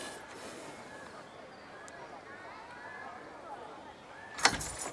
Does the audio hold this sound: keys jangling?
yes